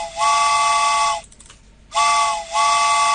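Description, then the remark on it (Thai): A loud steam train whistle sounds in two long, breathy blasts separated by a short pause, each one briefly wavering mid-blast, with a hissy edge and no voices. “มาแล้วมาแล้วชั่วโมงที่2ค่ะและรถไฟก็มาแล้วเช่นเดียวกัน”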